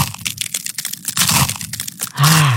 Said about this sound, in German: Eiswaffeln knuspern. Das ist so toll, das macht Spaß.